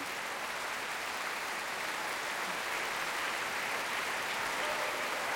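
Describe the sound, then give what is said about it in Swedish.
A concert audience applauds steadily in a concert hall as the ensemble sits down, a dense, continuous patter of many hands clapping at an even level throughout, with no voices standing out. “Ensemblen har satt sig ner och publiken applåderar.”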